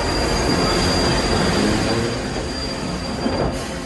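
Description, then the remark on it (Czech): A steam train rushes past us with a sustained, piercing high-pitched squeal of brakes grinding on the wheels as the driver brakes to stop, after a steam whistle sounds. A loud steady rumble fades slightly toward the end. No one speaks. “Strojvůdce asi znamení zpozoroval hned, protože skoro v zápětí se ozvala parní píštěla a hned potom zaskřípěly brzdy a strhnutím kol se vlak přehnal kolem nás.”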